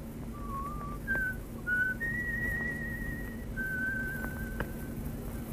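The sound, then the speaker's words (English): A clear human whistle plays a short series of sustained tones, stepping up in pitch and holding, an all-clear signal call, over a steady low background hum with no talking, while snow drifts down. “What's that, Otto? The all clear from the von Reimer?”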